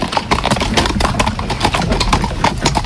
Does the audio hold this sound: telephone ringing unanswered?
no